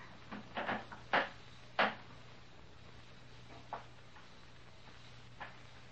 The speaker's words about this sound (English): And then they stopped. Officer Hal, as true as I'm writing, they stopped right outside my door. I heard a board creak.